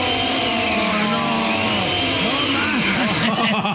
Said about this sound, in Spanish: Todo este tiempo, chico, estuvo prendiendo la licuadora en otra casa. Prendiendo la maldita licuadora en un hotel.